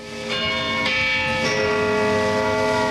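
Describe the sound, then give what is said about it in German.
The bell of St. Peter's tower in Zürich, Switzerland, striking at noon, about three times in steady succession, each deep, dull stroke blending into a loud, sustained ringing hum with no voices. “Wenn es in Zürich Mittag ist, hört man 12 dumpfe Schläge vom St. Peterturm und das Knurren von 500.000 hungrigen Mägen.”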